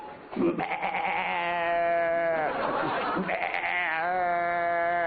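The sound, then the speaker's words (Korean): A person imitates a mother goat's deep, drawn-out bleat, a long wavering "maa" sustained for several seconds with a quavering, nasal tone, loud with no other sounds around it. “그 다음에 그 엄마 염소 소리 이러죠.”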